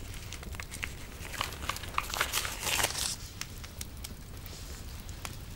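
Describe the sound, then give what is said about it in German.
Soft, irregular crinkling and rustling of a small scrap of paper, caught after it flew out of a fire, being handled, with brief crackly bursts that swell in the middle, and no one speaking. “Ist heute Nachmittag aus dem Feuer geflogen und ich habe es aufgefangen. Darf ich es behalten? Es ist ja nur ein Fetzen Papier.”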